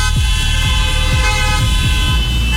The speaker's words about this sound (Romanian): Botoșan 01, Ali, dă-i claxon! Uite, și domnul din scaunul rulant claxonează!